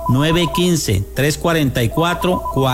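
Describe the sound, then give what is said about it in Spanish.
A phone rings with an incoming call, its melodic ringtone repeating in short, bright tonal bursts, loud, with no talking over it. “Qué bonito es orientar, y mire cómo la gente se está comunicando.”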